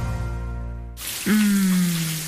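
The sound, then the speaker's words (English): A shower starts running after a short sustained musical tone cuts off, giving a steady hiss of spraying water with a low humming note underneath. “Shower time.”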